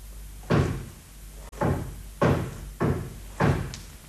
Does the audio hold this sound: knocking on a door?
yes